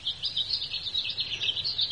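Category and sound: bird, blackbird calling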